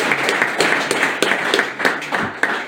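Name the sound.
audience applause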